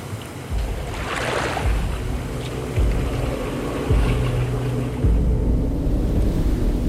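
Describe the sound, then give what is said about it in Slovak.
Steady rushing river water at night fills the scene with a dense, continuous roar, broken by a few deeper low surges about once a second. No voices. “Noc je síce tmavá, ale mám pocit, ako by rieka šumela inak.”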